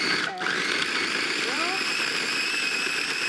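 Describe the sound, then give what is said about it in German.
A kitchen blender whirs loudly and steadily throughout, its high motor whine churning a frozen dessert toward a smoothie-like consistency without pause, with a brief voice faintly underneath. “Ein guter Mixer geht dafür auch.”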